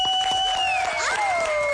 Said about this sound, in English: Bunte, the winner of season 3 Masked Singer, round of applause.